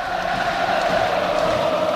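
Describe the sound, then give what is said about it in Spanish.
A football stadium crowd at Riazor, including Unión Deportiva Las Palmas fans, cheers and jumps in a dense, continuous roar of many voices, loud and steady for two seconds with no single speaker standing out. “Está saltando Riazor entero ahora, incluido evidentemente los aficionados de la Unión Deportiva Las Palmas.”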